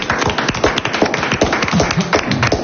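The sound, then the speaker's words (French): A crowd applauding the cooks' team after a correct answer in a quiz, with dense, steady clapping that fills the whole moment at a fairly loud, even level. No one speaks over it. “On peut donc applaudir l'équipe des cuistots.”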